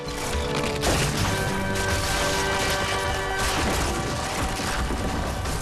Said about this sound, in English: He crumbles and crashes to the ground, forming a dusty pile of rubble.